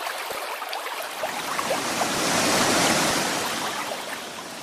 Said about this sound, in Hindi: साथियों, पेड़ कटे तो गर्मी बढ़ी, गर्मी बढ़ी तो पर्वतों के ग्लेशियर पिघलने लगे और फिर पहाड़ों से जल का भारी सैलाब नीचे की ओर आने लगा।